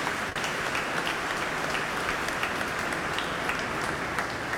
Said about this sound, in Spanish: Un aplauso, José. You did great, José.